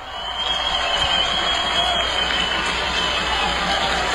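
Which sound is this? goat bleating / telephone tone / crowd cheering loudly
crowd cheering loudly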